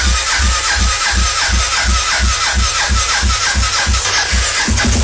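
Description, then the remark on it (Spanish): A cold motorcycle engine, not taken out since Thursday, cranks over and over without catching, a loud, steady rhythmic churning of the starter that repeats about ten times, with no voices. “Además, como no la saco desde el jueves, pero es que está tan fría, pero ahí ya ahorita me prende.”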